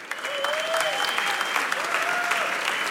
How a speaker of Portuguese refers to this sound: Uma salva de palmas para os três.